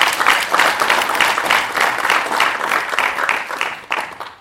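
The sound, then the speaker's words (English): A crowd applauds steadily for several seconds, many hands clapping in a dense, bright patter with a loose rhythmic pulse, fairly loud throughout and tapering slightly at the end; an audience clapping to celebrate 60 years of IDS. “Can we all clap for IDS having 60 years?”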